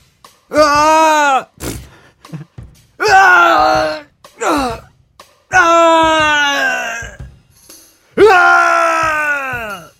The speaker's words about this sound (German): Wie soll man denn schreien, damit es cool klingt? Das war doch ganz nett.